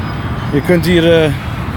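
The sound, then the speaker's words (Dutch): A steady low roar of heavy traffic on the Dallas Turnpike, a very large road, hums, with a brief burst of voice rising over it midway. “Ja, het grenst ook aan een hele grote weg.”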